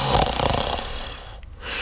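A man snores loudly and close by, one long rasping inhale rumbling with low vibration, then a brief quiet pause before the next breath begins.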